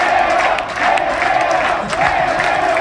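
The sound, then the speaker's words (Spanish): A large football stadium crowd roars steadily, with scattered clapping and shouts rising out of the dense, continuous din, as fans applaud player Ferrero before a free kick. “La gente le pide a Ferrero que vaya a cobrar. Palmas para Ferrero, que se queda como solitario en campo cuencano.”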